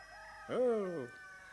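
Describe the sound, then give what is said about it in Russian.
A neighbour's rooster crows once, a single drawn-out call with a rising then falling harmonic tone lasting about half a second, clear over a quiet background. “Соседская-то выводит, а? Не петух, генерал-стервец.”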